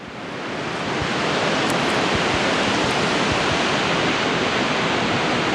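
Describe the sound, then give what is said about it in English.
Ocean waves surge against rocks in a loud, continuous roar of surf that swells in over the first second and then holds steady, with no voices. “From black-legged kittiwakes nesting on the jagged edges of seaside cliffs, to a posse of surf scoters riding the ocean waves in a V formation as they forage for mussels off of the rocks below.”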